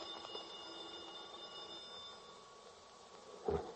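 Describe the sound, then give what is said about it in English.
A telephone rings with a steady, high electric bell tone that holds for a few seconds, then a brief louder burst near the end. Nobody speaks. “The phone.”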